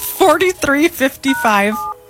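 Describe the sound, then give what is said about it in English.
A quick run of about five short, loud electronic beeps as phone keys are pressed to dial a phone number, spaced unevenly, followed by a brief quiet moment. “I don't think you have to dial a one.”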